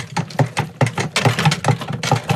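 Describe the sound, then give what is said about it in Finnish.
A mitten being shaken around inside a box: a quick series of about eight muffled, soft thumps with papery rustling, fairly loud and steady, with no voices. “Se kuulostaa ihan lapaselta.”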